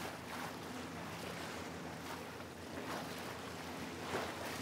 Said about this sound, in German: Nach dem quirligen Stadtleben ist die Ruhe auf dem Wasser wohltuend. Das Panorama vom Boot aus zu sehen, mit etwas Abstand, wirklich ein Erlebnis.